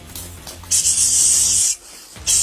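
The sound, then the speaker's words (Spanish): A large snake hisses loudly in two sharp bursts, the first lasting about a second and the second cut off at the end, over a steady low hum. “¡Está grande esa culebra!”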